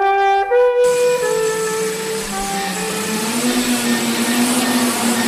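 Sixty-four small electric motors start together, spinning 81 propellers of a nearly 3-metre model hovercraft from Jules Verne's Robur the Conqueror as it lifts toward the ceiling inside the Beachwell centre hall in Pelhřimov: a loud, dense buzzing drone whose several whining tones climb steadily in pitch, after a brief steady tone at the start.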